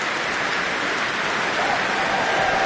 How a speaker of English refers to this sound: And that cheer is for a horn player from way back at the first half of this prom, horn player Ursula Pajulan-Monbert.